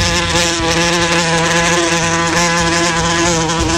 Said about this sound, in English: Wasps are really interesting insects, though I know a lot of people don't like them because of their nasty sting. Here comes a wasp now.